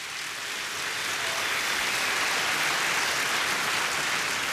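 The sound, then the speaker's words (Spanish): An audience gives the Lord a round of applause, a dense, sustained burst of clapping that holds steady at full volume for several seconds, a hiss-like wash of many hands with no voices standing out. “Alguien dé un aplauso al Señor, por favor.”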